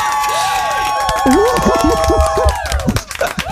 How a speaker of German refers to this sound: Applaus.